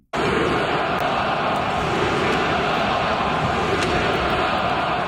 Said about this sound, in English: And let me tell you, the crowd at the Bell Center, well, they had a few choice words for their hockey team.